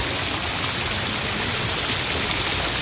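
rain falling

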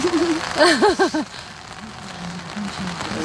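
rain falling

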